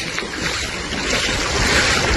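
Rushing floodwater from the swollen Garandina stream (arroyo de la Garandina), which flooded streets and left cars stuck, recorded in the morning. A loud, steady roar of churning water fills the whole clip without a break, with no voices.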